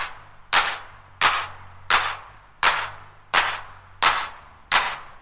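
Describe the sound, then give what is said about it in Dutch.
Seven crisp electronic handclaps from a clap machine strike at a steady, even tempo, each a bright snap with a short noisy tail, over a quiet low hum. No voices. “En dan een klap. Een klap? Ja, zo'n klapmachine.”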